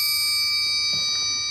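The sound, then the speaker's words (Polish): The smallest of a set of triangles rings out with a bright, high, shimmering metallic tone that sustains steadily through the whole moment, fairly soft and alone, with no talking. “To jest, może po prostu pokażę, weźmiemy najmniejszy trójkącik, który mamy.”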